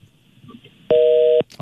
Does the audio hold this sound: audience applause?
no